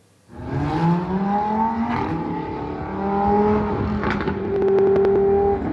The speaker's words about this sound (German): denn im Frühling nehmen auch die Raser und Poser wieder Fahrt auf, buchstäblich. Und deren Motorengeheul übertönt jedes Vogelgezwitscher.